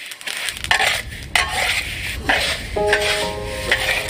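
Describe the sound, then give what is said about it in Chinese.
Sesame seeds are freshly stir-fried in a pan: a steady dry rustle and faint sizzle under repeated metallic scraping, with a few brief ringing squeals from the utensil. No one speaks. “芝麻现炒，备出更浓郁的香味。”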